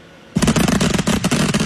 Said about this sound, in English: someone lit up a bunch of illegal fireworks and pissed off the whole neighborhood